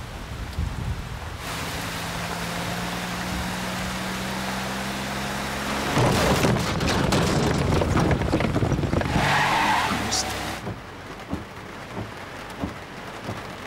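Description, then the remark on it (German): A scooter engine hums steadily, then revs up into a louder, rushing roar as it pulls away with the rider giving someone a quick ride, the sound dropping off after several seconds. No one speaks. “Ich bin mit dem Roller da.”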